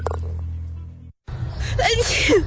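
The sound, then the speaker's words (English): After a brief pause, a person lets out a loud sneeze: a sharp breathy burst with a voiced edge, then trailing off. “You shouldn't be afraid to sneeze or laugh.”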